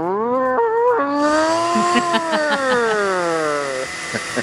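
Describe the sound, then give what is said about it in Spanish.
A voice on the Olímpica Estéreo radio show imitates a kitchen blender with a steady, buzzy whine that holds for about four seconds. Its pitch jumps up, settles, then slowly sinks, and a hissy rush joins partway through. “Se me olvidó cómo hacen las batidoras.”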